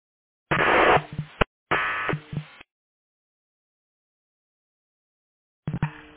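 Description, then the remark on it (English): Short bursts of band-limited, crackly fire dispatch radio transmission with heavy static, three separate squelchy keyed-up bursts with silence between, no clear speech getting through. “Radio traffic is static. I could not copy.”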